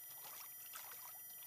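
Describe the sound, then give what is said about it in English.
Soft splashing and trickling of water as a hand swishes through the surface of a lake at a rock in Kamyai, where the water is low from the summer and a little cold; a steady light burble with no voices. “Gonna just feel the water, see how the water feels.”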